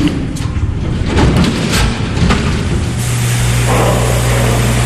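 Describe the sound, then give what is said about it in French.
A strong, steady hiss of water jetting from a hose as bears are showered to bring down their body temperature after long confinement, loud, with splashing bursts and a low mechanical hum setting in partway through. “Kim Manou leur fait prendre une douche au jet d'eau”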